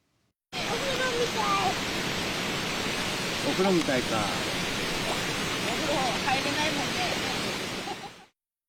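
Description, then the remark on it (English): Steady, loud rush of a flowing river in Yatsushiro City fills the whole recording, a dense continuous hiss with faint voices talking now and then beneath it. “So on Wednesday, they came to a river in Yatsushiro City.”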